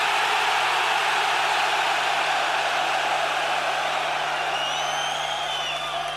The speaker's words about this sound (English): did think the city of Stockholm heard that there was 32,000 fucking heavy metal fans in this stadium tonight. Give them the fucking scream so they fucking can!